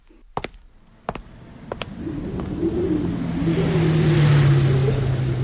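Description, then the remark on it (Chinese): A few sharp knocks ring out, then a truck engine rumbles in and grows steadily louder, straining and droning as it labors uphill on a mountain road, continuous. The truck is carrying soldiers. “卡车在山路上爬行，卡车里的士兵们紧张地盯着周围的山岗和树林。”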